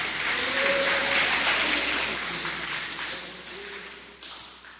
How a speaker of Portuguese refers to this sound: Podeis assentar, assentando aquelas palmas que glorificam a Deus.